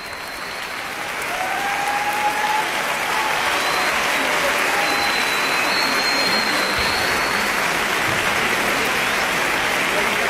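Sustained audience applause for the whole orchestra and conductor Martin Etienne Lebel, a dense, even wash of clapping that swells in the first couple of seconds and then holds steady and loud to the end.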